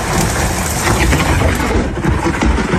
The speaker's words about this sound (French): Le Gard a été touché par de gros orages. L'observatoire spécialisé Keraunos a recensé 929 éclairs depuis minuit dans le département, dans 70 Animes, ville la plus touchée de France cette nuit, suivie par Sabran à côté de Bagnols-sur-Cèze.